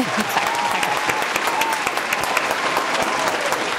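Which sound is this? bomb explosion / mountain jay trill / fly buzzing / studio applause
studio applause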